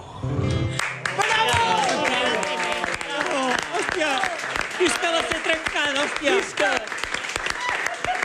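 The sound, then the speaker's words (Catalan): A crowd applauds steadily and loudly, dense clapping filling the whole stretch, while a voice speaks over the ovation after a brief opening tone, as a contest winner enters through the Renaixença door. “I no deixeu d'aplaudir perquè el guanyador,”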